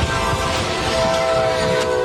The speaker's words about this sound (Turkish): Adres yine Amerika, bu kazada hemzemin geçitte meydana geldi. Virginia'da bir yük treni vidanjöre çarptı, araç çarpmanın şiddetiyle taklalar atarak yola savruldu.